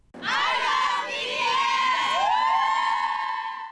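A large crowd of fans from around the world screams and cheers continuously outside Busan Asiad Main Stadium in Busan, South Korea, before a concert starts, high-pitched shrieks swelling in overlapping waves at a steady loud level throughout.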